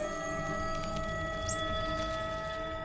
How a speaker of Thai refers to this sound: ลิงตัวผู้ส่งเสียงเตือนภัยและลิงทุกตัวก็ล่าถอยกลับไป